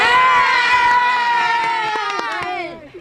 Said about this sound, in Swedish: Ja, som ni hör, det är full fart här ute på Hamre IP. Heja klack har vi hittat här också.